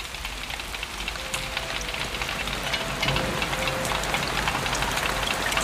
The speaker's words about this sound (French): Et j'entends la pluie me dire.